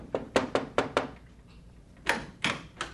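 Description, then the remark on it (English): A quick series of five sharp knocks on a wooden door, a short pause, then three more firmer raps, with no voices. “A year went by, and one day there was a knock at my door.”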